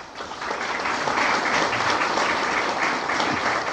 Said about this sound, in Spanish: Un aplauso para nuestra querida profesora.